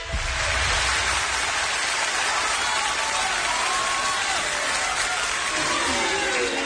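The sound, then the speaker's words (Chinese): Sustained audience applause for a traditional xiangsheng comedy performance of 'Mai Mian Cha' by He Yunwei and Li Jing, a dense steady wash of many hands clapping, with faint voices murmuring underneath toward the end. “我认为啊，您这掌声都是给您鼓的， 不给咱们叔侄两个人鼓掌。”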